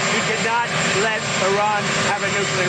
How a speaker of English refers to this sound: He's talking in front of a loud helicopter.